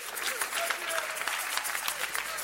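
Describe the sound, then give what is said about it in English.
A crowd at a sermon claps steadily, a dense wash of many overlapping hand claps at a fairly even level, with faint murmuring voices mixed beneath the applause. “Give yourself a clap of when I'm preaching.”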